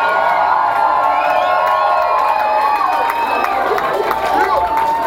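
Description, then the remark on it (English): A crowd at a show by a band cheers and shouts continuously, loud and sustained, with high whoops and yells rising above a dense wash of voices, and no single speaker standing out. “You guys want to hear one more?”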